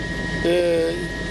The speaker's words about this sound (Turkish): ben şu anda helikopterdeyim. Merhum Büyük Birlik Partisi Genel Başkanı Muhsin Yazıcıoğlu'nun helikopterdeki son görüntüleri bunlardı.